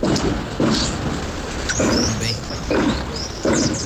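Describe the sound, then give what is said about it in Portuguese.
Several muffled gunshots in Vila Aliança, recorded as an audio report: about five dull booming bangs at irregular intervals, each with a short rumbling tail, against a constant hiss and faint high chirps. “tá ouvindo muitos tiros lá na Vila Aliança, conseguiu até fazer um registro aqui em áudio.”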